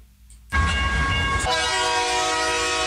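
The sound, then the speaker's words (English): A loud train sound effect, used in a promo for the radio program Sandy's Triple B Music Train on 89.1 FM community radio, suddenly rumbles in after a brief hush; about a second later its horn sounds a steady, sustained blast over the rolling clatter. No one speaks. “Hi, join me every Monday from 6 a.m. for my program Sandy's Triple B Music Train.”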